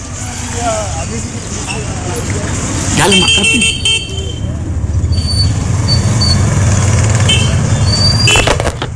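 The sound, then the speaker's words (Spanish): A street background sound effect of busy traffic: a steady rumble of passing cars with a few horn toots, while people talk over it. “Vamos a poner aquí en un fondo de calle para que piense que estamos en la Bill Street.”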